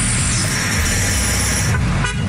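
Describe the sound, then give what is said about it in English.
Car horns honk amid a steady wash of traffic noise, a sustained loud blare over the low rumble of vehicles, with a brief break near the end. “I wake up at 3 in the morning and it's like people honking.”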